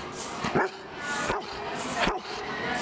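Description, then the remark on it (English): A dog, Rip, barks three times at a steady, unhurried pace, each bark short, over a constant background hiss. “He probably wants to say goodbye and thanks for having me.”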